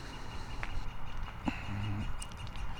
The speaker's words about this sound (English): There's a bird up there giving me the yappy business. Is he laughing at me? Listen to him.